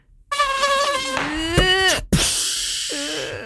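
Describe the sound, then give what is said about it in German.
A thin, high mosquito whine hovers, its pitch wavering and sliding as it drifts, then breaks off into a rushing burst of noise. “Schau, da kommt die Mook.”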